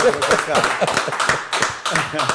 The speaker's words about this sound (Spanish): Mira, pero lo importante del caso es que quiero que tenemos el set lleno, que le demos un fuerte aplauso al pastor y salmista, a los amigos.